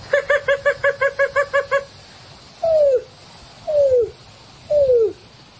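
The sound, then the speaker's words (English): A greater roadrunner call: a quick run of about ten short, clipped notes, then three separate descending coos, each sliding down in pitch, spaced about a second apart with no talking. “And I'm going to do a greater roadrunner for the last one.”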